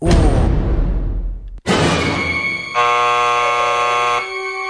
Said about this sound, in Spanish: ¡Alarma!